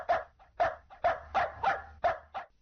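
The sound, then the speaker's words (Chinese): A dog barks six times in quick succession, sharp and close, with brief softer yelps between the barks. There is no talking. “我一直在训练我的狗，让它在想吃东西的时候先叫三声。”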